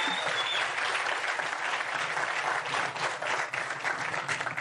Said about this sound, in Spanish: Un aplauso para secretario de Hacienda.